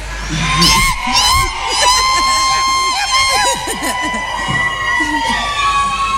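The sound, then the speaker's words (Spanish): A crowd lets out long, shrill, high-pitched sapukai cries together, whooping and yelling over a noisy background of many voices for several seconds, loud, with no clear speech. “Enseguida le voy a pedir otro zapucay. Pero espérenme. Yo les voy a dar el momento indicado. O si quieren gritar ahora, no vaya.”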